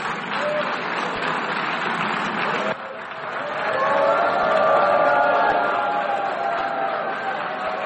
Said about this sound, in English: So there's some cheering, some booing, as you can hear.